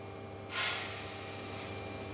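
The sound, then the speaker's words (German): A locomotive sand spreader, being tested by an employee of the firm Eisenbahnbetriebsgesellschaft Neckar-Schwarzwaldalb for the legally required amount of sand on the track, kicks in with a sudden burst of loud, bright hissing, then settles into a steady rushing blast of air and sand over a low background hum, with no one talking. “Hier prüft gerade ein Mitarbeiter der Firma Eisenbahnbetriebsgesellschaft Neckar-Schwarzwaldalb, ob der Sandstreuer die gesetzlich vorgeschriebene Menge Sand aufs Gleis streut.”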